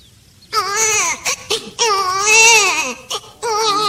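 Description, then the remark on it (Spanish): An unbaptized baby wails loudly in long, strained bursts with brief gasping pauses between them, the cries rising and falling in pitch. “Ve, parece que estoy escuchando un moro allá que llora.”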